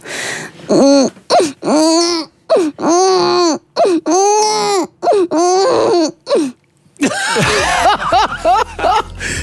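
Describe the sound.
A person's voice imitates a baby crying live on the radio, a series of wavering, arching wails in rapid bursts, loud, ending in a shakier, breathier stretch of sobbing.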